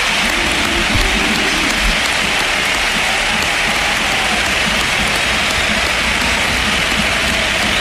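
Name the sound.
stadium crowd ovation applause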